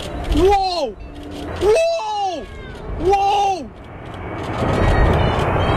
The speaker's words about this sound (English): Anyway, but the thing we need to talk about is that plane. Everyone's talking about the low flyover. Holy, they're so low.